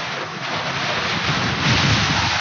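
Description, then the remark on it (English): A loud, steady roar of storm wind, broad and rushing, builds into a stronger gust near the end. No voices are present. “Here it comes, the full blast of the storm.”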